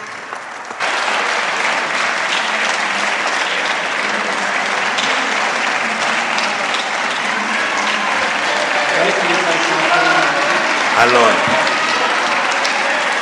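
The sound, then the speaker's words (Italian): Sustained applause fills a parliament chamber after a speech, as the presiding officer lets members applaud before the reply; a dense steady clatter of many hands that swells in just under a second and holds loud throughout, with a few voices audible beneath it. “Sto lasciando che applaudano.”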